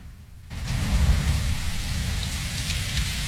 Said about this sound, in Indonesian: Semalam hujan deras sekali ya.